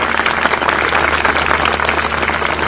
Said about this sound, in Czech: už jste jí tleskali. Udělejte to.